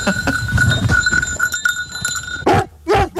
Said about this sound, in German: der hat echt ein lautes Organ. Also wenn die Hunde dann da direkt neben einem stehen, die sind super laut.